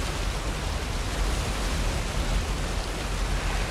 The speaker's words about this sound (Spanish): Una cascada cae por una pared de roca. La cascada alimenta un gran estanque.